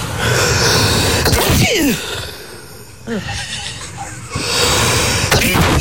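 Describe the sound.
A loud, theatrical human sneeze recorded up close, with a strained vocal build-up and an exaggerated, drawn-out voiced flourish instead of a quick natural burst.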